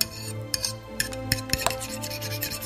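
Dishes being washed: rubbing and scraping with several sharp clinks scattered irregularly, over a steady low hum. Moderately quiet, with no one speaking.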